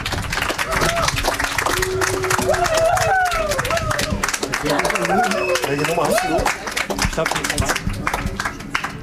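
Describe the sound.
An audience claps steadily and densely throughout, a loud, close patter, while voices call out and chatter over the applause, which thins slightly toward the end.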